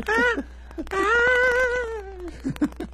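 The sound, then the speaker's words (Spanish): A human voice mimics a cat: a short meow, then a long, drawn-out, wavering meow with a falling pitch, followed by a few quick nasal chirps. Fairly loud, with no background. “El gato, güey, ¿cómo hacía? Miau, miau.”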